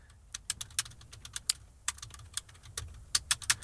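Rapid, uneven keystrokes clatter on a computer keyboard, fairly crisp, with irregular bursts and short pauses over a low background hum and no voices, as a question is typed in for an artificial intelligence.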